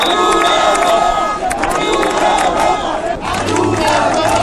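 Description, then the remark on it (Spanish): A large crowd of demonstrators with Spanish and Ceuta flags in Ceuta, Spain, chants and shouts in loud, rhythmic bursts, repeating cries of "viva Ceuta, viva España" and insults at Pedro Sánchez, with a steady roar of many people underneath. “con conductores que animaban a los manifestantes, con banderas de España y Ceuta, todo un clásico, con cánticos de forma de insultos hacia Pedro Sánchez o gritos de viva Ceuta, viva España, repetidos además por momentos.”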